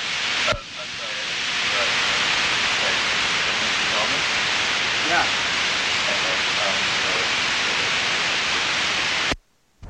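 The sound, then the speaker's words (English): Loud, steady radio static hiss on WCWM 90.9 FM, the College of William & Mary station, fills nearly ten seconds, starting and stopping abruptly, with faint voice-like murmurs buried beneath the noise. “Stay tuned for more static and music that sounds like static.”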